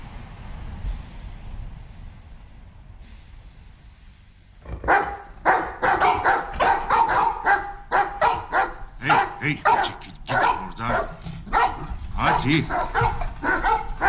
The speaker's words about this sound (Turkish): Lütfen şu köpekleri susturur musun?